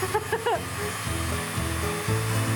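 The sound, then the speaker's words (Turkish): Steady, raspy scraping of sandpaper rubbing back and forth on a hand-shaped, rounded wooden bead to remove knife marks, fairly loud, with a brief voice at the start. “Şimdi zımpara yapacağız. Üzerinde bıçak izlerimiz kalmasın diye.”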